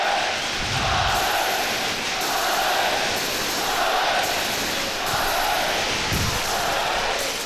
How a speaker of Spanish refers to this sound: Gritos de Alavés, Alavés. Eso es lo que no ha fallado nunca. Jugadores ahí en el fondo del polideportivo celebrando la victoria frente al Barcelona.